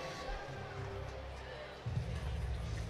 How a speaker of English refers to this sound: There's a base hit. Attaboy. Arcia stops at second. Kind of a Bronx cheer from this Twins fans. They hadn't had a hit since Royce Lewis' single in the fourth.